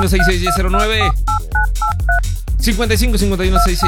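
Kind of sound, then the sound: signal or alarm, telephone keypad dialing tones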